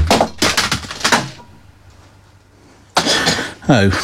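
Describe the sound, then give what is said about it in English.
A CD is hurled across the room and smashes, shattering into pieces with a few sharp, bright clattering bursts, then a quiet pause before another crisp crash and a person starting to speak. “Oh, well, it does seem that that's not quite right, because one of them's just shattered into a million pieces.”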